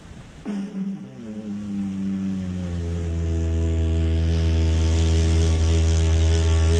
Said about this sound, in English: Here's this guy playing the didgeridoo on a beach. Here he goes.